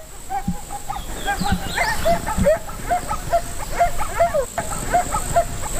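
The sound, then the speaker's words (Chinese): A large pack of about 20 wolves playing and scuffling, with a steady stream of overlapping yelps, whines and short growls from several animals over a rough, noisy background. “大约有20匹狼，这是一个庞大的狼群。”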